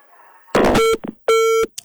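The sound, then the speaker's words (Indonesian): A phone line's busy tone beeps twice after a broadcast phone call with Zera Salim Ritonga, Deputy Chair of Commission A of the North Sumatra DPRD, is cut off: two steady electronic tones in quick succession, fairly loud, with a brief garbled noise before the first beep. “Ya, terputus ya.”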